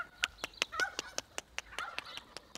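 Turkeys being fetched call in a rapid series of short, sharp clucks and putts, about a dozen in under three seconds, with soft chatter between them and no talking.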